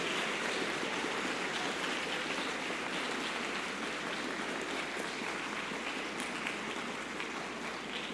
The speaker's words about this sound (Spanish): Muy bien, le damos un fuerte aplauso a los ministros, a los monaguillos.